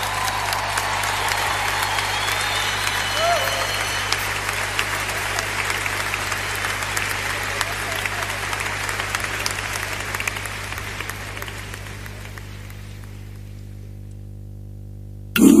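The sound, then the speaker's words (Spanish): Audience applause, a dense, steady wash of many hands clapping that holds for several seconds before thinning and fading out near the end. “Si va a dar ese aplauso, a dárselo bien fuerte a él.”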